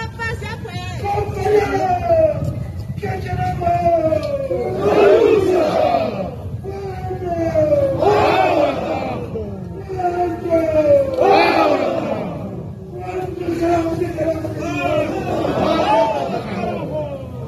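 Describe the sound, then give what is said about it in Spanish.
A large crowd of the province's social organizations at a protest march shouts a rhythmic protest chant in unison, the same loud phrase rising and falling roughly every three seconds over a steady roar of voices. “Bueno, ahí estamos con los gritos a nuestros organizaciones sociales de la provincia”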